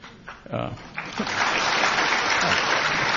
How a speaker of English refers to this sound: Friendly crowd. Yeah. They clap just by the title. That's a really friendly crowd. And that's applause for you, not this global disorder we're living in.